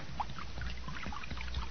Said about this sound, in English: Well, I done found a jug of acid here. Now I'm going to start pouring it now.